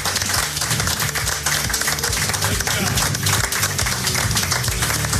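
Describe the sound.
A crowd gives a big round of applause, dense continuous clapping holding loud and steady throughout, with cheering voices blended into the noise.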